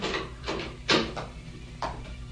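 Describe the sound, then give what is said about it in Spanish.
A few dull knocks on General Clark's wooden door, irregularly spaced with one sharper rap in the middle, set against a low steady room hum with no voices. “Los toques en la puerta hicieron reaccionar al general Clark.”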